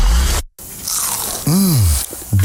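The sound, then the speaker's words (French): A loud crunchy bite into crispy plant-based food, with a burst of crackling, followed by a short rising and falling vocal hum and more brief crunching. “Ça, ça veut dire que ça croustille.”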